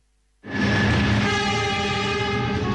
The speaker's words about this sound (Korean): 달리는 기차 안.